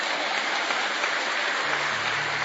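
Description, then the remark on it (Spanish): An audience breaks into steady, loud applause for the Lord, a dense wash of many hands clapping at once with no single claps standing out. It holds at an even level throughout, and no one speaks. “Si lo cree, dele al Señor aplausos por ello.”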